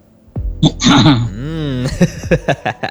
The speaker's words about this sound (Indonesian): Kita sapa dulu nih. Mungkin ada batuk-batuknya dulu